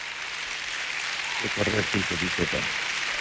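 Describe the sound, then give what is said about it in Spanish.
Steady audience applause fills the whole moment as a dense wash of clapping, with a voice briefly speaking over it partway through. “Gracias a los que aplauden por fe.”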